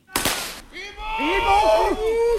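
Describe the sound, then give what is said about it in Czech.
During a military exercise where soldiers practise defending the Dukovany nuclear power plant against an attack, a single loud, sharp explosion bursts out near the start, then fades into wavering, drawn-out moaning cries of the wounded that rise and fall over a steady rumbling background. “Slyšet jsou nejenom výbuchy, ale také sténání raněných.”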